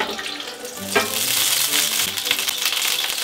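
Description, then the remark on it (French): Whole Toulouse sausages frying over full heat in a good spoonful of duck fat in a pan, a loud, continuous sizzle with a dense hiss and scattered crackles and pops that hold steady throughout. No one speaks. “Pour la poêle, feu à fond, mon cœur du sud-ouest a besoin de gras pour supporter le froid du Québec, donc graisse de canard, une bonne cuillère.”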